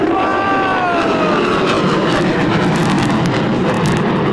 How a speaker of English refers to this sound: Look at the airplanes up there, the jets.